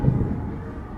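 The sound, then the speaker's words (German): A low, steady rumble of thunder after a lightning strike rolls on without a sharp crack, fairly loud, with no voices over it. “Gerade ein cooler Blitz, juhu.”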